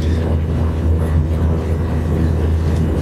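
A steady, loud airplane engine drone with a deep low rumble and faint tonal hum holds evenly throughout, unbroken, with no voices.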